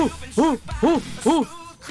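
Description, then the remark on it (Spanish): A person imitates an orangutan call with three evenly spaced, rising-and-falling hoots, voiced at moderate loudness, with no other talking. “El orangután hace.”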